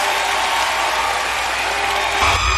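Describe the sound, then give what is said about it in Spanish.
A dense, steady wash of concert audience ovation applause on Live Music, loud and continuous throughout, with a low rumble swelling in near the end. No voices stand out. “ovación. Gracias, chicos.”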